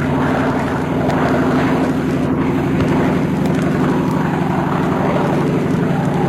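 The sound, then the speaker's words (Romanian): A loud, steady propeller airplane engine drones continuously with a throbbing low hum during takeoff, unbroken, with no voices. “Atenție, stimați pasageri, vă rugăm ca în timpul decolării avionului și în următorii 20 de ani să nu fumați.”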